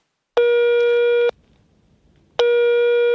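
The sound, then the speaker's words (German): A telephone ringback tone after dialing the fire brigade emergency number from a kitchen telephone in a treehouse: two steady, buzzy beeps about a second long, separated by a short pause over faint line hiss, with no one speaking. “Er wählt die Notrufnummer für die Feuerwehr.”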